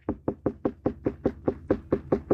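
About a dozen steady, evenly spaced knocks on a ripe watermelon by a watermelon farmer from Upper Bavaria, each one dull, deep and hollow, with no voices.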